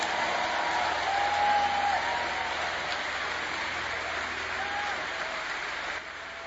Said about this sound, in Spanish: Dele más aplausos al Señor. Amén. Gloria a Dios.